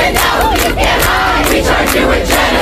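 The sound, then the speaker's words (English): A large protest crowd outside the United Nations on First Avenue in New York chants and shouts together, a loud, dense wall of voices with rising cries and a steady pulsing rhythm throughout. “After delegates walked out on his address, outside, actor Susan Sarandon was arrested Thursday during protests outside the United Nations.”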